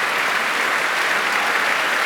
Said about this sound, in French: Il est très chaleureusement applaudi. Certaines personnes ont même crié des bravos.